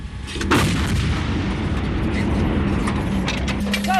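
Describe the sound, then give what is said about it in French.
A French artillery cannon in Estonia, set to fire at short range of 7 km with its engine running, fires a single heavy shot during the Strong Griffin exercise: a loud blast followed by a sustained rumbling roar and some mechanical clatter, with faint voices in the background. “Donc là, actuellement, le canon est réglé pour tirer à courte portée à 7 km.”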